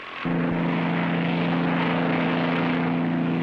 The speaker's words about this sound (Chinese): 马丁驾机起飞了，天空中马丁关掉飞机的油门，飞机坠落了，飞机起火了。